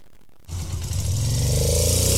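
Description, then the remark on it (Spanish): A Suzuki DR150 motorcycle engine kicks in after a brief hush and revs steadily, its loud buzzing drone climbing in pitch over about two seconds, with no talking. “Óigala, óigala cómo suena, ¿ah? ¿Ah? La Suzuki DR150, señoras y señores, APS,”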